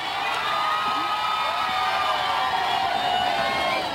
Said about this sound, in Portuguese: Há sempre muitos gritos de viva o Papa e também muitas palmas, e este é sempre também um momento de muita confusão.